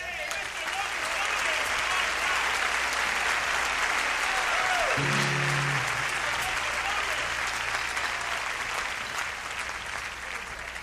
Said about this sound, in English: In the rear, ladies and gentlemen of this beautiful, beautiful, beautiful string section, will you please stand and accept your just applause?